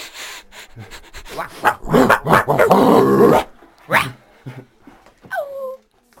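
Dogs growling and barking: a dense, loud stretch of snarls and rough barks in the middle, followed by a few isolated barks and a short high whine near the end.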